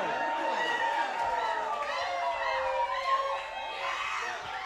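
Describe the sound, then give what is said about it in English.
A large concert crowd at a 2011 show screams and cheers nonstop, many high-pitched voices overlapping into a loud, sustained roar that swells slightly toward the end. “You might have to let them go to the bathroom real quick or something, but then keep screaming, though.”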